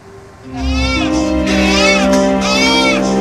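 A newborn baby wails loudly and close by in long, unbroken cries that rise and fall in pitch, with a low steady hum underneath.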